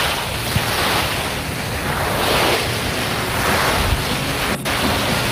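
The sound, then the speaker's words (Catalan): Steady ocean surf rolls and washes onto the shore in broad, overlapping swells, a continuous roar with some wind buffeting the microphone and no voices. “Posa'm al mar.”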